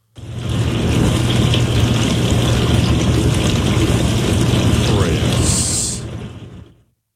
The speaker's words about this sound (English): Chris, I know what a dishwasher sounds like, sir.